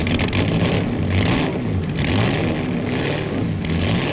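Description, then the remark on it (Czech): A racing car engine that has just been put back together revs loudly and steadily, a dense, continuous roar with rising and falling surges, with no voices. “Kluci už to dali dokupy. To je nádherný zvuk, úplná hudba.”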